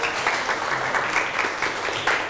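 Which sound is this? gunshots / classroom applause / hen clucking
classroom applause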